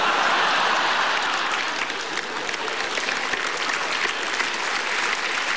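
Sustained audience applause, a dense, steady wash of clapping from many hands that holds at a fairly even loudness throughout, with no voices standing out.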